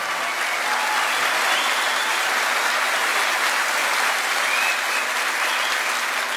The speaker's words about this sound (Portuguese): Um aplauso de vocês. Obrigado.